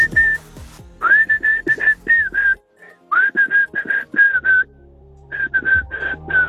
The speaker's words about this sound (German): Und so klingt das, wenn du es pfeifst.